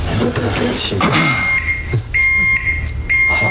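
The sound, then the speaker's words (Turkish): A steady, high-pitched elevator overload alarm beeps in long repeated tones as a person steps in, sounding over a muffled hum and bits of overlapping talk from several people. “Arkadaşım asansör ötüyor, senden galiba.”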